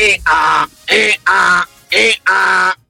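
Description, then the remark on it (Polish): A person imitates a donkey's bray: loud, strained voiced hee-haw pairs repeated three times in a steady rhythm, alternating higher and lower pitched calls with a harsh, buzzy tone. “A ten to się wkurzył nie, strasznie. To jest osioł, który marzy o karierze jako kierunkowskaz.”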